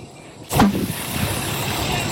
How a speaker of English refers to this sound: And then the whole car went up. It was popping. The grass next to it was on fire. Here is audio of a burning tire exploding.